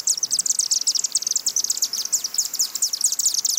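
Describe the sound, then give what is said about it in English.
Chimney swifts, a threatened migratory bird species, chitter continuously in rapid, high-pitched twittering bursts from the chimney of an old home in Tuxedo in spring, a dense overlapping chorus of many birds with no voices present. “They had chimney swifts, a threatened migratory bird species, and they like nesting in old brick chimneys.”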